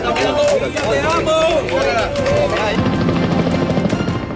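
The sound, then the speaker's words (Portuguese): A helicopter's rotor beats in a steady, rapid thump that becomes clearer in the second half, over loud crowd noise and overlapping voices, as a rescued woman is carried on a stretcher to an ambulance before being flown by helicopter to a private clinic. “Aqui está o momento em que é retirada de maca para uma ambulância para depois ser levada de helicóptero para uma clínica privada.”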